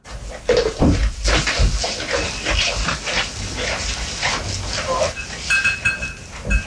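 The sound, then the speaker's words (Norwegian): A goat chewing its cud, with steady crunchy, wet munching sounds in an irregular rhythm, punctuated by occasional rustles and soft knocks. “han har jo mye geiter, og det her lyden av geiten han som spiser.”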